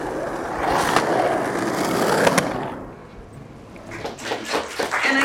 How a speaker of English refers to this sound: Venice Beach.